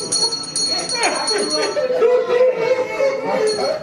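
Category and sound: bells ringing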